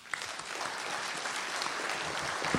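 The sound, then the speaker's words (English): An audience claps steadily for all the candidates running for mayor of Penticton, a dense, even wash of many hands applauding with no pauses, moderately loud throughout and with no voices standing out. “And a big round of applause for all the candidates running for the mayor of Penticton.”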